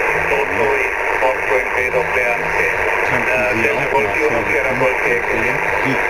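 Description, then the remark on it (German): Steady crackling and hiss from an amateur radio receiver on a ship fill the whole stretch, with faint distorted voices warbling through the static at a constant, fairly loud level; the interference is caused by the many switching power supplies running the onboard equipment. “Wir haben ziemlich viel Störungen hier auf dem Schiff durch diese vielen Schaltnetzteile, die im Betrieb sind für die ganzen Geräte. Ja. Und die verursachen dieses Prasseln hier.”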